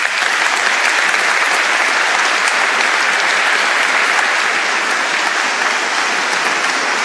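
Sustained audience applause, a dense wash of many hands clapping at steady loudness for about seven seconds, with no voices rising above it, welcoming the new Archbishop of the Archdiocese of Vienna, Josef Grünwedel, onto the stage at a KHG event.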